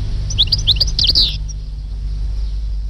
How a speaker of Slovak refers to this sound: Lebo na Slovensku ich je len okolo 40 až 50 párikov a blízko našej dediny práve hniezdi jeden párik. Stehlík, náš operený krásavec.